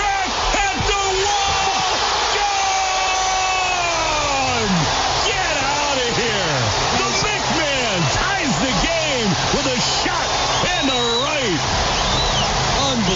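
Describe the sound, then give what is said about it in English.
A huge crowd at Fenway Park roars in sustained, loud cheering after a Red Sox home run hit by pinch hitter Mickey Gasper leading off the bottom of the eighth inning, with individual shouts and whoops rising above the dense wall of noise throughout. “Yeah, that pumped a little bit of adrenaline into that Fenway Park crowd.”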